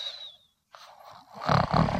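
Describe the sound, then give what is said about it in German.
A loud, rasping snore rattles, building into a rough, throaty rumble after a brief faint whistle and a moment of silence. “Fledermaus, du schnarchst.”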